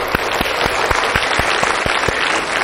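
Loud, dense audience applause fills the whole clip, with a steady low thump recurring about four times a second underneath the clapping. No one speaks.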